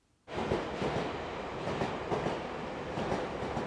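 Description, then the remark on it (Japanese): A JR train in Japan rolls steadily along the rails from Mukomachi Station to Nagaokakyo, a ride of about three minutes, after a brief silent start, its broad rumble continuous, with faint rhythmic clacks of the wheels over track joints. “はい、電車に揺られてですね、JR の向こう町駅からおよそ3分でですね到着ですね。”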